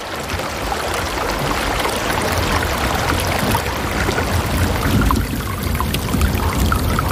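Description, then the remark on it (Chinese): The Tagliamento River, 5 km south of its source, flows steadily through snow-covered forest with a continuous, even rush and gurgle, fairly loud throughout and unbroken by voices or other sounds. “河水不停歇地流淌着，穿过这片寂静而迷人的白色世界。”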